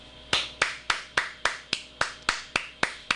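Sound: applause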